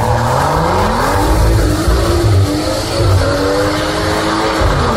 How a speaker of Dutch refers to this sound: maar eigenlijk een video van zijn eigen knalpot. Luister even mee.